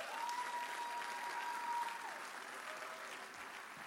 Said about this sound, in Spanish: ¿Por qué no le dan un aplauso a esta mujer de Dios?